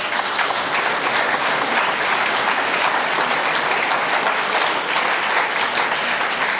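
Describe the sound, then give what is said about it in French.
An audience at an event day claps steadily for several seconds in tribute to the day's host, a dense, even wash of many hands with no gaps or swells and no voices over it. “On peut peut-être applaudir aussi.”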